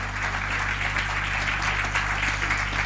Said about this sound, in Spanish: ¿Cuánto le dan un aplauso grande al Señor y a su palabra?